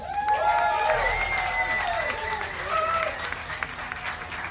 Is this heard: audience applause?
yes